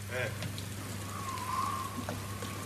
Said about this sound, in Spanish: Para de llover, viejo. Linda nochecita, ¿eh?